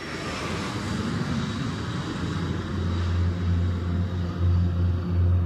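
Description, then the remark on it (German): A steady propeller aircraft engine drones loudly throughout in flight, with a deep low rumble that swells and pulses toward the end. “Und bevor wir das Flugzeug wieder landen lassen, genießen wir unterwegs noch die Aussicht, nämlich die auf zwei Wolken.”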